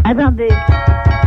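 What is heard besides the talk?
knocking on a door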